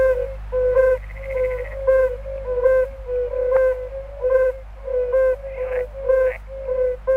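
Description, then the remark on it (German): Yellow-bellied toads give soft, mellow, hooting calls in a steady repeated rhythm, several overlapping at a similar pitch, with a low constant hum underneath and no talking. “Und zu denen gehören auch die Unken, zum Beispiel die Gelbbauchunken. Und hört mal, wie die tönen.”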